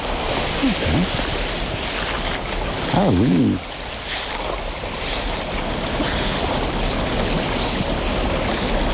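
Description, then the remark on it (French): A small stream flows steadily through a forest, its continuous rushing and babbling filling the whole scene, with a brief spoken remark partway through. “Encore le petit ruisseau.”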